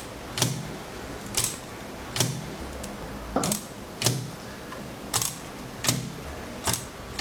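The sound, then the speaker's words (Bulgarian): Sharp mechanical clacks of a braille writer's keys being pressed one at a time to type a short name, about nine strikes at an unhurried, slightly uneven pace, with no talking. “След това ми каза кои точки да натисна, за да изпиша името си”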